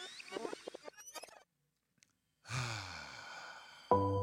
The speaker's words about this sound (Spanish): Cambiamos el fondo y tomamos una respiración profunda.